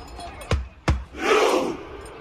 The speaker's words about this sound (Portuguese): Além do futebol, a Noruega também chamou a atenção na Copa pela festa da torcida. A remada viking fez sucesso.